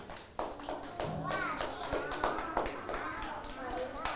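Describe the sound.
Children clap, a dense patter of small hand claps running steadily throughout, with young voices chattering and calling out over the applause.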